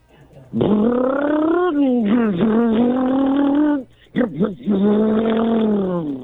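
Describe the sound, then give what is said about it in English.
A voice imitating a car engine: a loud, buzzy, sustained vroom whose pitch rises and wavers, briefly breaks off with a few sputtering bursts, then revs again. “That's a car.”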